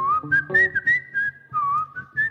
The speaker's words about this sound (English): Now I just play guitar now. Yeah, I whistle because I can't play guitar. Yeah. I have to whistle the solos.